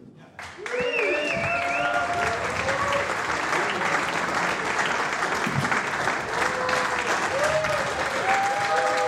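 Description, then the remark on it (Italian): Loud, sustained applause from a large audience at a jazz concert at the Festival di Cultura e Musica Jazz in Chiasso on 7 March 2024, rising quickly and holding steady throughout, with scattered cheers and whoops rising above the clapping. “Bello, grandi applausi del pubblico”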